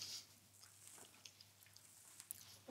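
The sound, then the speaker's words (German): Quiet chewing of a crunchy black streusel-topped muffin, with soft irregular crackles and small clicks over a low steady hum; no one speaks. “Naja, besser nicht so reinbeißen, sonst kann man danach nicht gut reden.”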